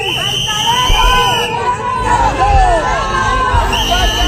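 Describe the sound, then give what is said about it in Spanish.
A loud, restless crowd in Ceuta boos, whistles and shouts "vendepatrias" at the Spanish Interior Minister as he arrives at the government delegation. A constant roar of voices runs throughout, with shrill whistles cutting through in high, sliding tones and a steady whistle held in stretches. “Y esto contrasta mucho con la otra imagen que también vimos y oímos ayer y recuperamos ahora, que son los abucheos, pitos y gritos de vendepatrias al ministro cuando llegó a la delegación del gobierno en Ceuta.”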